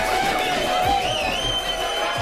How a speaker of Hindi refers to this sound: आलम ये बना हुआ है कि फैंस थिएटर के अंदर हो या बाहर, जश्न मनाते नजर आ रहे हैं। कहीं ढोल नगाड़ों के साथ जश्न मनाया गया तो कहीं दर्शक सीटियां और ताली बजाते दिखे।